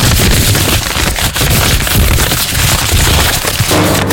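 Paper being unfolded, a loud, dense crinkling and crackling that runs steadily for about four seconds in rough, irregular bursts, with no voices.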